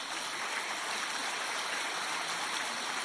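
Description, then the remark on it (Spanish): An audience applauds for Blessed Concepción Cabrera de Armida (Conchita), a dense, steady wash of many hands clapping that holds at an even level for the whole few seconds, with no voices standing out. “Un aplauso grande para Conchita.”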